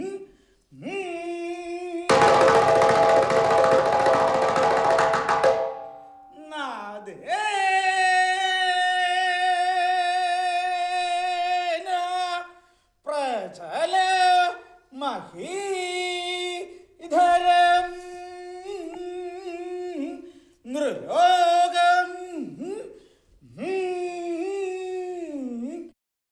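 Traditional music played by three temple musicians: a loud, reedy wind instrument holds long notes and slides between pitches in short phrases, with a brief burst of crashing percussion near the start. No one speaks.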